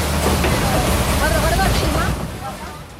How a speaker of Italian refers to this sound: Guarda che bello, il battello al vapore.